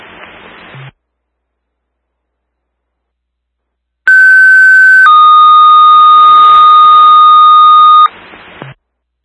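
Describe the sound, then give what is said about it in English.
A loud alert for a fire alarm activation from a front smoke detector at Castle Banner and Signs, 2795 Genesee Street, sounds in two long steady tones, a higher one for about a second and then a lower one held for several seconds, over a hiss of radio static. No one speaks. “You press standby for a fire alarm.”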